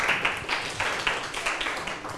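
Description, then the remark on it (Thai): A class of students claps together in a steady, dense patter of many hands for a classmate's answer in a maths lesson on ratios, a moderately loud burst of applause lasting a couple of seconds with no one speaking over it. “80ต่อ48ปรบมือให้เพื่อนหน่อยครับ”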